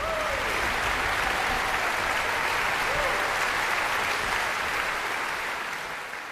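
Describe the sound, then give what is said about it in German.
A large concert audience in the Max-Littmann-Saal, Bad Kissingen, at the Kissinger Sommer festival on 4 July applauds the Czech Philharmonic and conductor Dalia Stasevska after Dvořák's Symphony No. 8: a dense, steady wash of clapping that fills the hall, with a few faint whistles or calls rising above it before it eases slightly. “Großer Applaus in Bad Kissingen für die Tschechische Philharmonie.”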